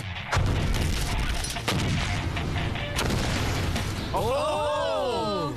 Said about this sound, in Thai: มันระเบิดกำแพงเป็นรูเลย